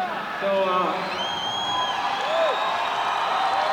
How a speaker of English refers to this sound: Now, some of the guys on the tour here have been saying I'm kind of biased about which piano is the coolest up here. We're going to get a little help from the applause meter here.